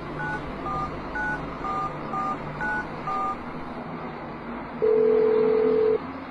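A string of short touch-tone beeps as a man driving home keys a number into his mobile phone to call his wife, about nine quick tones at an uneven pace, then a steady ringing tone for about a second, all over a low background hum.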